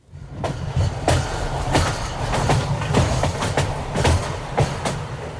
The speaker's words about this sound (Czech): Před Freibergem vede přes řeku Muldu vysoký viadukt, po kterém už skoro dvě století jezdí vlaky.